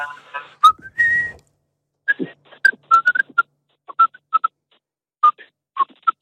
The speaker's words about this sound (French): J'aime bien siffler, moi. Oui, ah, vas-y, qu'est-ce que tu nous siffles un petit truc, vite fait?